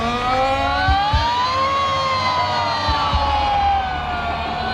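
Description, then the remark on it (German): A loud wailing fire engine siren alarm rises and falls slowly, sustained, with low rumbling thumps underneath and a slight fade near the end. “Es wäre lässig, wenn ihr jetzt bei dieser Sirene, bei diesem Alarm alle mitsingen oder mitschreien.”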